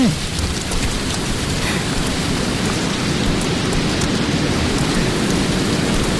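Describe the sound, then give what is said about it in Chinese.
Heavy rain pours down in a steady, dense roar, with a deep low rumble of thunder running beneath it, a thunderstorm at Caoqiao after arriving at Hangzhou. No voices, just the storm throughout. “雷雨大作，停下脚，草桥停下来避雨。”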